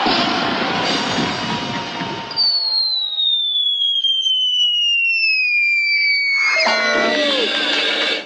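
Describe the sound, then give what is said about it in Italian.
A loud, rushing blast as a woman is launched from a human cannon at an evening show in Bellinzona after a countdown, followed by a long, steadily falling whistle, then another noisy burst with honking, horn-like tones near the end. “Ragazzo, siamo pronti per il lancio.”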